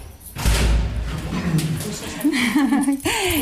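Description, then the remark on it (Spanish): A door to a house is opened with a heavy thud and a low rumble on a hot day, followed by voices talking and a short chuckle. “Abre la puerta, nos encontramos una casa luminosa donde las paredes están inundadas de libros,”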